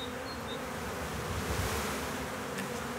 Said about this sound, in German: Die Bienenvölker teilen sich, schwärmen. Imker Gunnar Wald hat ein Volk auf St. Pauli eingefangen, das nun hier in der alten Klotzbeute von Pflanzen und Blumen sein neues Zuhause findet.